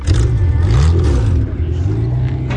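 A loud demolition derby car engine at the Polk County Fairgrounds in Osceola revs and roars with a rough, rising-and-falling growl, steady rumbling throughout with some rattling clatter, no talking.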